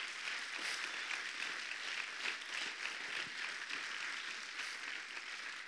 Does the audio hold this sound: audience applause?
yes